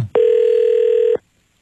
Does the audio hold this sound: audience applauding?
no